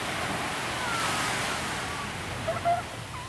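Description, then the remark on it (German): Ocean waves wash steadily onto the longest beach of the Amalfi Coast in warm sunshine: a continuous broad hiss of surf at moderate volume with a few faint chirps near the end and no talking. “Ich setze mich an den längsten Strand der ganzen Amalfiküste und halte mein Gesicht in die warme Sonne.”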